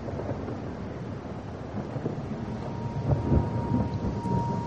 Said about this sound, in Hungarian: Csöpög a szemöldökömről a szemhéjamra az esővíz.